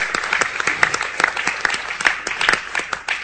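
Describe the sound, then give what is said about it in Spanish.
A church audience applauds during a sermon, a steady, dense patter of hand claps at moderate volume with a few sharper claps standing out, continuing without pause for a few seconds. “Gracias porque alguien aplaudió por allá.”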